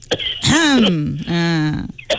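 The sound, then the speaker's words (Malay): A person coughs and clears their throat: two drawn-out, voiced rasping efforts, each about half a second, with brief breathy catches around them and no speech. “Oh, batuk lah. Alah, batuk pula. Batuk dulu.”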